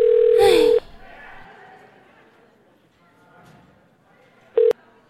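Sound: telephone ringback tone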